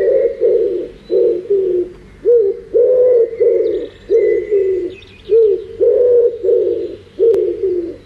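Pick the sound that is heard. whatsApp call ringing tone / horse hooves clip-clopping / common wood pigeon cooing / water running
common wood pigeon cooing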